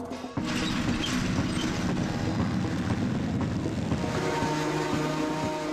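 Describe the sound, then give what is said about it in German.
A tractor engine drones steadily as it drives a passenger home, after a brief quieter start, a loud, continuous low rumble with a throbbing mechanical rattle and no voices. “Ich fahre sie jetzt da mit dem Trecker nach Hause, weil wir sind spät dran.”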